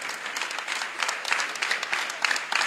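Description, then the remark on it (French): A crowd applauding steadily, a dense wash of many hands clapping at once, fairly loud, with no talking over it: an ovation for the mothers of a cathedral parish on Mother's Day. “On va les ovationner, on va les applaudir très fort, les hommes.”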